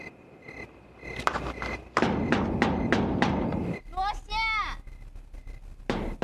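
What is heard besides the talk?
knocking on a door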